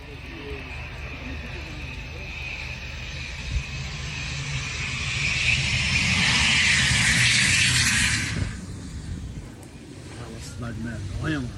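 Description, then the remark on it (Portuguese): An airplane engine roars as a singer's aircraft lands in Parelhas, in the Seridó region of Rio Grande do Norte, in the early hours of Sunday, swelling loud before cutting off abruptly, with a steady low rumble and people chattering in the background. “Imagens compartilhadas nas redes sociais mostram o momento em que o avião do cantor … realizou um pouso em Parelhas”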